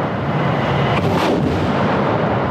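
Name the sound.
artillery fire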